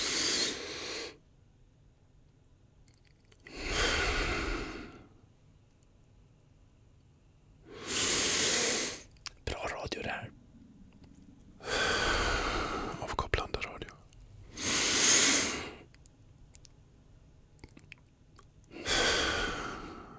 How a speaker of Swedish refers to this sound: Då testar vi att andas 4 sekunder i en fyrkant. Mm. På 3 så börjar vi. 1, 2, 3.